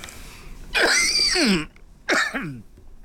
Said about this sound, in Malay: Batuk keh-keh ni pun kilama lah ni.